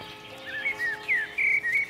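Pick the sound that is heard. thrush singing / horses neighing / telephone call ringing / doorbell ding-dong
thrush singing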